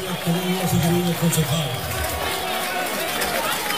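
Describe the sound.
A large, noisy crowd at a gathering of about 800 councillors reacts to a projected video of José Antonio Kast, with booing and scattered applause blending into a continuous dense roar, voices shouting throughout.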